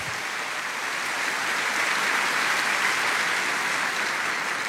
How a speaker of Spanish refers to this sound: Dale un aplauso grande a Dios si está entendiendo la palabra.